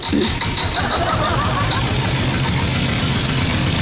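A tractor engine chugs loudly as the tractor drives away, with a steady, rapid low thumping rhythm that holds throughout, a rough mechanical rattle layered over it.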